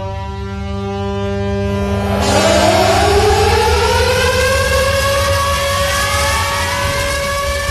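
Loud air-raid sirens wail steadily at Westerplatte at 4:45, opening the commemoration of the 87th anniversary of the outbreak of World War II, their pitch sweeping upward and then holding a sustained, droning tone over a low rumbling hum. No one speaks.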